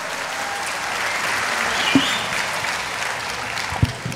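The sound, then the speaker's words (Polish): Sustained applause from a large audience, for themselves and for TVN journalist Radomir Wit, a dense steady wash of clapping with a couple of sharper thumps standing out near the end. “Brawa dla was wielkie! Brawa, Radomir Wit!”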